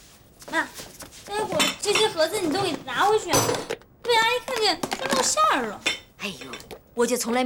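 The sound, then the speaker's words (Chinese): Dishes and cutlery clink and rattle in short bursts as vegetables are cut and a plate is fetched, beneath continuous, animated talking, the clatter mostly buried under the voices. “切菜，我给你拿个盘子装去。”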